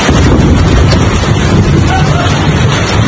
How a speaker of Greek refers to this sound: Τοπικά μπουρίνια σημειώθηκαν και στην Αττική, με τις εικόνες να μην θυμίζουν σε τίποτα καλοκαίρι. Σφοδρό χαλάζι πλήττει τα βορειοδυτικά της Αττικής.